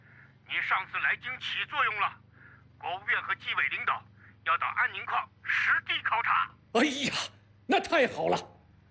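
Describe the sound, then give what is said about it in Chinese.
People talk over lunch for several seconds, then a telephone rings in two short, bright bursts with a brief pause between them, fairly loud. “哎，我先接电话啊， 接。”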